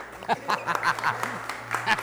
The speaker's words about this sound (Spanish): ¡Qué bonitos aplausos! Otra vez vamos a escucharlos, amigas y amigos, nuestros amigos del público.